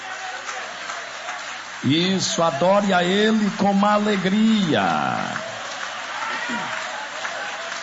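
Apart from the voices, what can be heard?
audience applause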